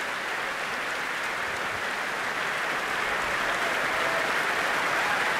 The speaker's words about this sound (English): The … back on stage, bowing deeply together. Their elegantly tailored blue suits, their thick blonde hair, they turn to applaud the orchestra.